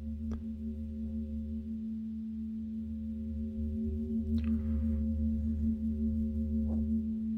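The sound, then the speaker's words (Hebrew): A Tibetan singing bowl associated with the planet Venus rings with a steady, sustained hum of layered overtones that carries through the whole stretch, accompanied by a few soft clicks and light rustles. “ממש קערה טיבטית מנוגה. אז אנחנו נשתמש גם בקערות טיבטיות.”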